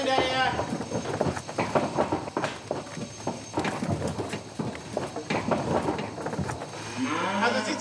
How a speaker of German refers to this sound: Dann schickt Stefan eine zweite Kuh ins Rennen